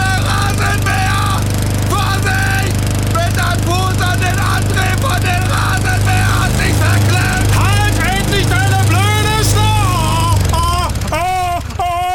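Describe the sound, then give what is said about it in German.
A lawn mower's small motor drones steadily and loudly from start to finish while voices talk and shout over it, growing more agitated toward the end. “Der Fuß ist in den Rasenmäher gekommen.”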